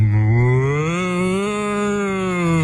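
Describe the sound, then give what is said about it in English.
A person dressed up as a cow imitates a cow in a mooing contest with one long, loud, sustained moo, the pitch rising slightly and then sagging, held steadily for nearly three seconds with no other sounds. “And you got to remember, they weren't just mooing. They were dressed up as cows as well.”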